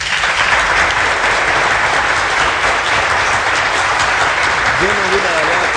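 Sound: applause sound effect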